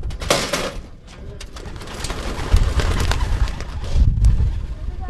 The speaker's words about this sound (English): A quick circle or two above the barn, and the pigeons disappeared into the blue morning sky.